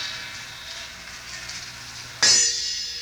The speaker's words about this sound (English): And small gong.